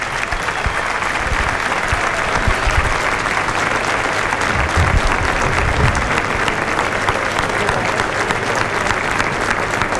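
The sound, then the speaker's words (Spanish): Sustained applause from a large stadium crowd before a football match, as a tribute to deceased fans of the sky-blue (celeste) team, a dense, steady wash of clapping that stays loud and even for the whole stretch, with a low rumble of crowd noise underneath. “Los homenajes entonces y los aplausos para hinchas celestes fallecidos, nos sumamos a aquello.”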